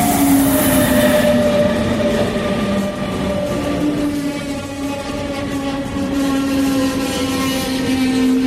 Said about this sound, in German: Also wir stehen jetzt immer noch am S-Bahnhof Pieschen und gerade kommen zwei Züge ein. Der erste ist schon eingetroffen und jetzt werden wir mal gucken, ob wir welche finden.